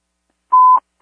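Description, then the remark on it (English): A single loud, steady electronic alert tone from a fire dispatch system sounds for about a quarter second, clear with silence around it and no voices; it announces a general fire alarm. “Claiborne, general fire alarm.”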